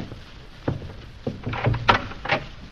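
The door to the music room at Zenda Castle is opened: a few sharp wooden clunks and rattling handle sounds spread over a couple of seconds, with a brief scraping creak, and no voices.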